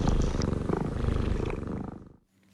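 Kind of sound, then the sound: animal, cat purring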